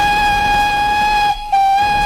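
A loud, steady train whistle blares in one long sustained tone, cutting out for a brief moment near the end before resuming. No one speaks.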